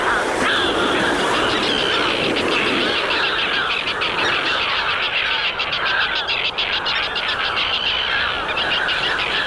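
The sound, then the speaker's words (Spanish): Harsh, grating calls of common terns over the sea waves overlap without pause, loud, with rapid repeated notes like a busy colony calling together throughout. “Y ahora escucharemos al charrán común.”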